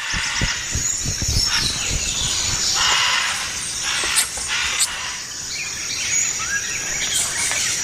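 Harsh, raspy macaw squawks repeat loudly and overlap for several seconds as capuchin monkeys drive the macaws away from palm fruit, mixed with shrill squeals and busy rustling against a dense, buzzing forest background.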